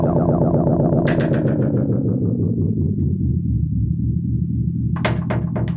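A loud, bass-heavy dub groove drenched in echo, with delayed repeats that sweep downward and smear into a rumbling wash, punctuated by two sharp bursts that ring out in fading repetitions.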